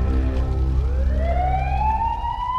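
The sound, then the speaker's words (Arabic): An ambulance siren starts up and rises into a steady, loud wail over a deep engine rumble as the ambulance arrives for a badly burned victim. “في ترابة الأحداث الأمبولانس خلطت والإسعاف هزوا”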